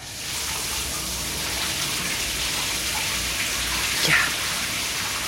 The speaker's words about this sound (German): Zeit für eine coole Dusche.